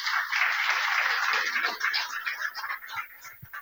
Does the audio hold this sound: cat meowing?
no